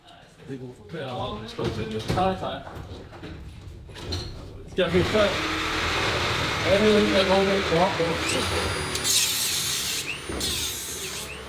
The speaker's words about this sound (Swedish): Nu river de träställningarna som burit upp banan. De konkar plywoodskivor, reglar, plank och svarta sopsäckar genom de röda dörrarna upp för trappan till en container där de slänger brännbart.